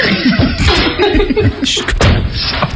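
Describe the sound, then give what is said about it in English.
At his civil wedding ceremony in Portugal, Ronaldo's head bangs against a mirror as he leans in for a kiss, a dull, solid thud amid a dense, noisy jumble of knocks and clatter that stays loud throughout. “Before leaning in for a kiss and banging his head on the mirror.”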